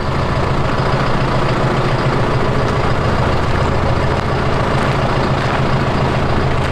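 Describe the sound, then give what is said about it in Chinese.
A farm tractor fitted with an electric automatic-steering module runs its engine steadily and loudly, a continuous low diesel rumble with a throbbing drone that holds unchanged throughout, with no voices. “这个拖拉机太威风了。”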